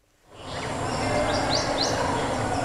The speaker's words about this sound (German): Die Vögel zwitschern, die Grillen zirpen und irgendwo in der Ferne plätschert das Wasser.